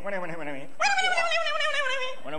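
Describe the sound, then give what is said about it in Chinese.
A man's voice mimics a dog, loud: a short yelping bark, then a long drawn-out whining howl, and the start of another bark. “就算找着了，再出来一个不会说人话的，冲我那直叫唤，我也得说呀。”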